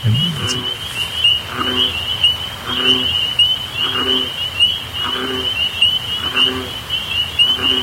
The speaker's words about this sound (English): Just the difference in frequency there, like a little peeper having that high squeaky versus a deep baritone of the bullfrog, everything to do with body size and the thickness of the vocal cords.